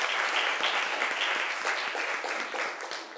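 A crowd of people clapping steadily for the third group of presenters, a dense, continuous patter of many hands that stays fairly loud throughout and eases off slightly toward the end.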